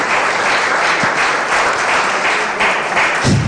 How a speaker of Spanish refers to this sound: Dale ese aplauso otra vez.